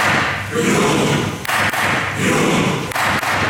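A few sharp wooden gavel knocks struck by the President of the Norwegian Storting in parliament as a greeting to the national football team, spaced in short pairs, cutting briefly through a steady wash of loud, hissing background noise.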